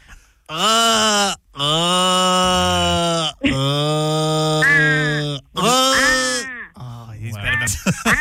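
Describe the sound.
A person imitates an Australian crow with four loud, long, nasal wailing caws in a row, each drawn out and ending in a strangled, falling note, followed by a brief gurgling trail-off.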